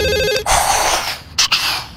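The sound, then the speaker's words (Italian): A telephone rings with a short, warbling electronic trill, cut off after a moment by a loud burst of rushing, hissing noise with a couple of sharp surges. “Un'altra telefonata.”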